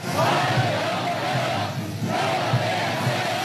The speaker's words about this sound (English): Celebrations on the tarmac for the first US president to touch down in China in 9 years. Donald Trump stepping into a humid Beijing to the cheers of schoolchildren shouting warm welcome.